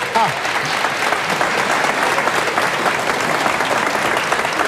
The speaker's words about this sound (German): einen Applaus.